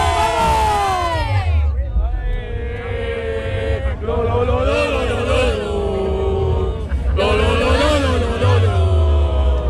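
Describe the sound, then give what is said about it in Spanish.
A crowd of Real Jaén football fans chants "¡Vamos, Jaén!" loudly together in rising, sustained vocal bursts, repeating the chant several times with short pauses between, over a steady low rumble. “Yo creo que podemos entre todos hacer un grito de ánimo, ¿no?”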